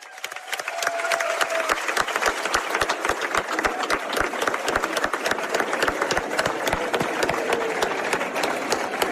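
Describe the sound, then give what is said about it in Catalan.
A crowd breaks into loud, sustained applause, a dense clatter of many hands clapping steadily for several seconds with no voices standing out, for all the people who made the festa major possible over three decades, as the festival celebrates the 30th anniversary of the Pirates i Premianencs. “Per tota la gent que ha fet possible la festa durant aquestes 3 dècades, sisplau, un fort aplaudiment.”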